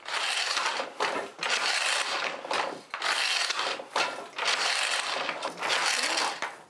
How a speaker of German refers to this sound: Wir freuen uns jeden Morgen, wenn wir uns sehen, der Webstuhl und ich. Richtiges Weben ist Knochenarbeit.